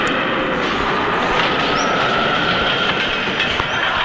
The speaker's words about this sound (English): Watch this, honey. I hooked up a 727 jet engine block up to the back of our leaf blower. We could strip the paint off the house with this baby. Here it goes.